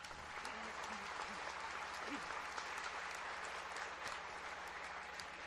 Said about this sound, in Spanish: Agradecemos a los hermanos del barrio El Centro por haber organizado los cantos y lecturas de la Santa Misa. Démosles un aplauso.